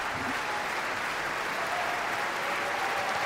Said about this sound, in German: Großer Applaus also heute hier für Nabucco bei Staatsoper für alle. Sie hören es, was hier drin los ist.